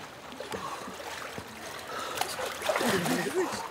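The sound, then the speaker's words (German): Ebbing tidal water flows back out into the North Sea in a steady, hissing rush, broken by a few sharp splashes, where people are swimming against the current. Faint voices rise briefly near the end over the continuous flow. “Ebbe. Das Wasser läuft zurück in die Nordsee.”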